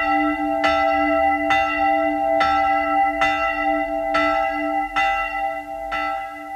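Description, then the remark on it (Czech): A church bell tolls for mass in a steady, even rhythm, roughly seven loud strikes whose rich ringing tones linger and overlap between blows, with no voices present. “Slyšíš? Pospěš si, už zvoní na mši.”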